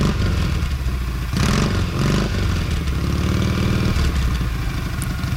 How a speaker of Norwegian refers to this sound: Der ja. Prøver å starte motorsykkelen min her.